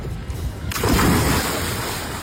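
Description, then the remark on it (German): Ocean waves out on the sea wash and rush in a steady roar of surf, swelling into a fuller hiss partway through and continuing without any talking. “Naja, angekommen auf dem Meer hatten sie dann beide aber doch ein bisschen Spaß.”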